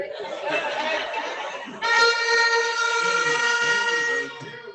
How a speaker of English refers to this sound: Can we hear some of them horns, man?